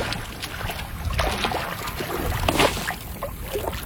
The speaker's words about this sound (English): We ended the hike by getting in the water ourselves, by taking the paddle boats out for a spin on this beautiful lake.